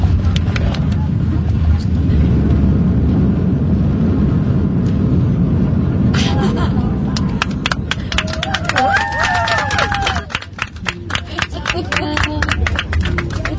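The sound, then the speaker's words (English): A steady, heavy airplane engine roar fills the cabin during landing. About halfway through, a burst of rapid rattling thumps starts, and faint voices rise briefly above the rumble. “People on the plane are probably like, jeez, we just landed.”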